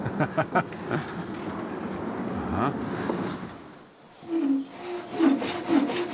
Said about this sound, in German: Eine Sägemühle aus dem Jahr 1876. Und sogar im Original erhalten.